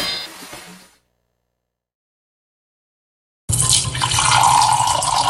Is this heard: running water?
yes